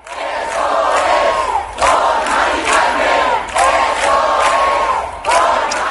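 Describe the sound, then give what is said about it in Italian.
A large crowd of thousands of people in Puerta del Sol, Madrid, at a housing-rights protest commemorating a woman, roars steadily, with surging rhythmic chanting and shouting that swells in waves every second or two, loud and continuous throughout. “Ieri sera in Puerta del Sol migliaia di cittadini si sono uniti agli acampados per commemorare la donna.”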